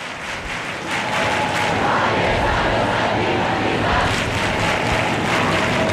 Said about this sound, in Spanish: es solo gente cantando, tocando las palmas y levantando los brazos